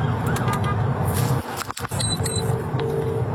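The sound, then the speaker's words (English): A police siren wails from inside the cab of a moving police vehicle on a motorway, its steady tones riding over loud engine and road rumble, with a brief dip in the noise midway through. “Must not have been a huge emergency, because you'll hear from inside the cab of their police vehicle how they handle it.”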